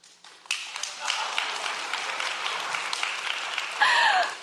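An audience bursts into applause, a dense, steady wash of many hands clapping that holds at an even level for about four seconds, with a brief vocal sound rising near the end.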